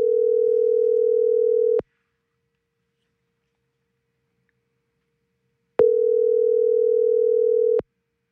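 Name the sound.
telephone ringing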